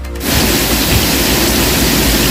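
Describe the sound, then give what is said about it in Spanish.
Steady, dense rainfall hisses loudly and evenly after a brief quiet start, a continuous wash of sound with no voices and no breaks, in the port city of Cartagena in the region of Murcia on a Saturday morning. “¿Llueve en estos momentos en Cartagena?”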